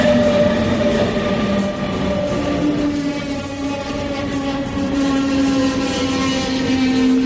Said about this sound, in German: Also wir stehen jetzt immer noch am S-Bahnhof Pieschen und gerade kommen zwei Züge ein.